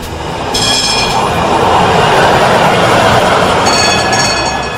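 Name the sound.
tram running on rails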